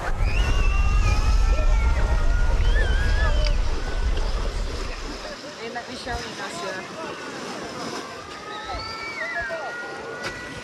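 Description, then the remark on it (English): A steady low wash of surf at the beach in Odessa rumbles for the first few seconds, then eases off, leaving a busy mix of overlapping voices and shouts from a crowd. “This is the beach in Odessa.”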